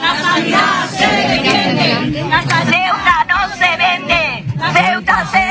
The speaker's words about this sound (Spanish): Bata blanca, pancarta y gritos de protesta esta mañana a las puertas del Hospital Universitario de Ceuta. Sanitarios y también muchos usuarios han salido a la calle para denunciar lo que ya se califica como colapso.